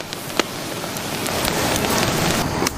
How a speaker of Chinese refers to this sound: 加热使得粗盐继续丢失水分，表面破裂，发出噼噼啪啪的爆裂声。